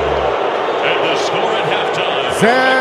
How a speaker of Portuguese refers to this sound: Vai terminar o primeiro tempo, é fim de papo, apita Gustavo Terreira do Uruguai. Fim de papo, sob vaias no estádio de Guadalajara, ouça! Ouça!